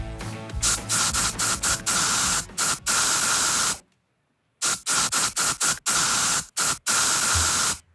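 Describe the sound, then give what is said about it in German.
Bursts of hissing aerosol spray from a deodorant can, loud, in short rhythmic pulses with a brief silent pause midway before the spraying resumes, used in Ö3's Deo-Song des Tages radio game. “Und ja, auch wir haben wieder einen Song in die Sprühdose gepackt.”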